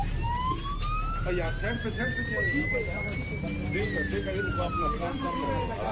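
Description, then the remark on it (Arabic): A police car siren wails loudly and steadily as police arrive quickly after neighbours called them, its pitch climbing slowly and then sweeping back down, while a voice speaks over it. “والجيران في نهاية الأمر طلبوا الشرطة واللي جات على جناح السرعة”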